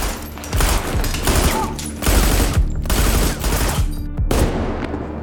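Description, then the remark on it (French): Sustained bursts of rapid gunfire as seven men at a roadblock open fire on two vans, firing more than 300 shots; loud, continuous overlapping shots form a dense fusillade with brief gaps between volleys, no voices. “Quand les deux camionnettes arrivent à hauteur du barrage, les 7 hommes ouvrent le feu sur les véhicules.”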